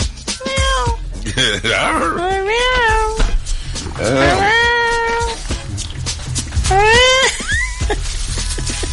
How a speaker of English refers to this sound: I'm like, who brought the cats?